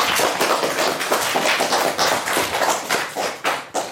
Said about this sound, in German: Applaus für uns alle.